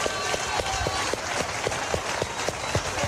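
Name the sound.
audience applause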